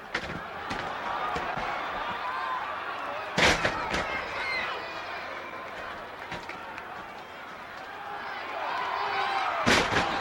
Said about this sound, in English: They take turns at body slams. You got to be in shape to take this kind of pounding. Here's another one. Oh, that wouldn't feel good even on a mattress.